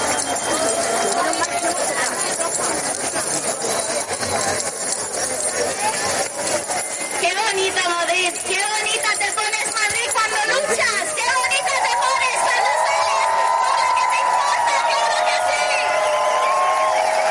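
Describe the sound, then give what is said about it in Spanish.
A large protest crowd at the 15M housing protest in the Puerta del Sol, Madrid, shakes keys together, making a dense, continuous metallic jangle that stays loud throughout, with a hubbub of voices and shouting mixed in underneath. “Ruido de llaves en Madrid, ruido de llaves en la Puerta del Sol.”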